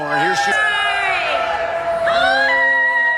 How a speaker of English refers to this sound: She's got a cheering section.